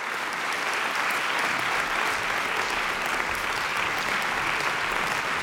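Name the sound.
concert audience applause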